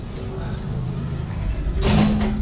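A door is opened: a low rumbling slide builds and then ends in a brief, bright rush of noise, heard clearly with no one speaking.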